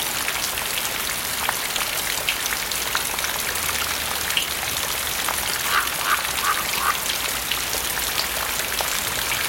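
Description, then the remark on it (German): Steady light morning drizzle patters softly and evenly, a dense hiss of tiny droplets. Faint duck-like quacks briefly break through the rain partway in. “Eine repräsentative Stichprobe des feuchten Niesels von heute Morgen bringt sie rasch auf trockene Zahlen.”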